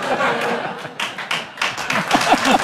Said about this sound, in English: That gets applause. Thank you. Thank you.